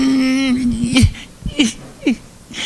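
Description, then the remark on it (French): A person cries with joy, starting with a long wavering wail, then breaking into a few short, shaky sobs with gasping breaths in between, fairly loud. “Je suis pas capable d'arrêter. Je pleure de jouissance, de joie.”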